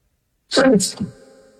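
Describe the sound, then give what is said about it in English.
A single sharp sneeze, fairly loud, with a breathy burst followed by a hissing release and a brief fading tail. “Excuse me. Nothing to sneeze at.”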